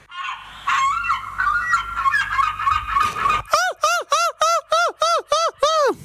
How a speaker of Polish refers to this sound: Jesteśmy, proszę Państwa, na wyjeździe w moich rodzinnych stronach, w Trójmieście. Jak słyszycie, otaczają nas mewy.